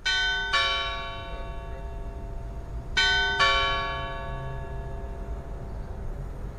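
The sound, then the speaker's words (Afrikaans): Clock tower bells ring out in three loud, resonant strokes: one, then a pause of a few seconds, then two in quick succession, each leaving a long shimmering hum that slowly fades. “Ek het video's daar gaan laai van hoe hierdie oorlosie lyk.”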